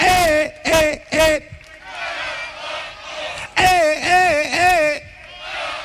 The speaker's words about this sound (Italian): applauso! Ci siete? Sentiamo quanti siamo, pronti a cominciare!